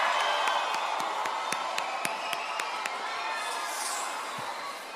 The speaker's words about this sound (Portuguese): Uma salva de palmas, por favor.